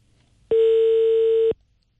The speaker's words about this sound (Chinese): 这样哈，就刚才这个逆行的问题，我们问一下经开区交警大队。电话正在接通，我们稍等一下。